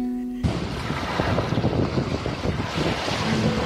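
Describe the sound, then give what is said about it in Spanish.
Steady wind buffets the microphone on Playa El Yaque, an open beach in Nueva Esparta, Venezuela, known for constant winds and shallow sea, with the broad rush of sea and surf underneath, loud and continuous after a brief tonal hum at the start. “Playa El Yaque, con sus constantes vientos y mar poco profundo, es una playa mundialmente conocida para la práctica del windsurf y el kitesurf.”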